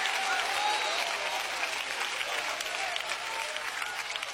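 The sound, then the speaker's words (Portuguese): An audience applauds to glorify Jesus, with dense, steady clapping that fills the whole clip, a continuous bright crackle of many hands with a faint murmur of voices underneath. “Pode glorificar e dar aplausos para Ele.”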